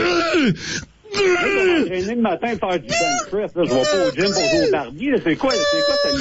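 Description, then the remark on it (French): A man lets out loud, bestial groaning cries while on the bench press, a strained stream of wailing moans with sweeping pitch and only brief breaths between outbursts. “Si je vous disais qu'à cause de vos lamentations bestiales, monsieur, il y a 30 membres qui sont présentement en arrêt de travail suite à un choc post-traumatique parce que ces gens-là arrêtent pas de réentendre en boucle vos cris dans leur tête.”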